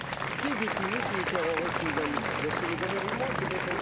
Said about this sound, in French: Donc je vous demande de l'applaudir, s'il vous plaît.